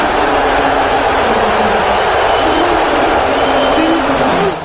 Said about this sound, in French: hué et en même temps applaudi